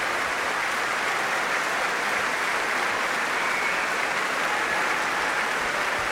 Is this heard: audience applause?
yes